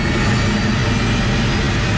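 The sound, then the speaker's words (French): A helicopter's engine and rotors roar loudly and steadily as it takes off on a morning flight over the Rwenzori mountains, a dense, throbbing low drone under a broad hiss, with no voices. “L'hélicoptère prend son envol.”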